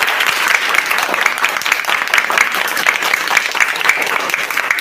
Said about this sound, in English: The answer is A, MD. MD! Round of applause!